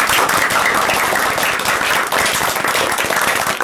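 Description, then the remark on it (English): Loud, sustained applause from a crowd for Team A at the end of round 1 of a quiz, a dense wash of many hands clapping at once that stays steady throughout without any voices rising above it. “So a big round of applause for Team A.”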